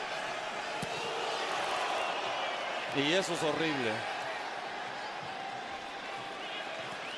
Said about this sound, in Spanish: La porra de New York City gritándole a Nahuel. Y quizás ustedes lo pueden escuchar.